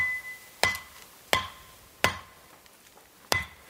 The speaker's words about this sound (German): Doch an vielen Stellen gibt es kein Herum. Er muss hacken und sägen.